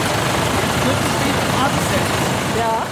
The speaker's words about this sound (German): Und ehe ich weiter darüber nachdenken kann, kommt ein großer Lkw auf uns zugefahren und fährt das Fenster herunter.